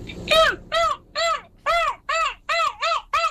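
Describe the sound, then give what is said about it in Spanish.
A person imitating a yellow-legged gull at a gull-call contest in Brussels, giving about seven loud, harsh, rising-and-falling yelps in a steady rhythm, with nothing else behind them. “Gaviota pati amarilla.”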